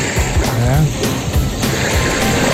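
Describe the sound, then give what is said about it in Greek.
Calm sea waves wash steadily at moderate volume, a soft continuous hiss of water with gentle surges, while faint voices murmur in the background. “Αυτό τώρα είναι θάλασσα που διελεινώ νομίζω, ήταν η ερεμή η θάλασσα.”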